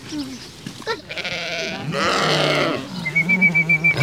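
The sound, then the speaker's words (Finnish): A lamb bleats loudly in a couple of drawn-out, wavering cries, followed by a rapid series of short grunting pulses like a pig snuffling, as children at a science camp feed a pig and a lamb at Vehmasmäki animal park. “Tiedeleirillä Vehmasmäen eläinpuistossa lapset ruokkivat puttipossua ja latelammasta.”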